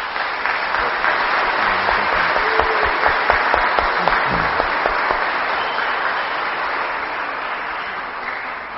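A church audience at Mass applauds for a priest on his last Sunday with them, a dense wash of clapping that holds at an even, fairly loud level for several seconds, with a few sharper individual claps standing out.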